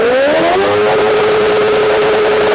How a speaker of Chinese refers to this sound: 民警请来了海淀区环境监测站的工作人员，对摩托车的噪音进行检测。 咱们现在测试一下这辆车，就这辆改装过的摩托车，啊，它这排气管在咱们点火拧油门的情况下能达到多少分贝？